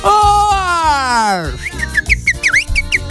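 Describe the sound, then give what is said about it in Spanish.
A person imitates a bird: a long falling vocal glide, then a quick string of short, high, chirping whistles that rise and dip, over a steady low rhythmic background. “Un pájaro.”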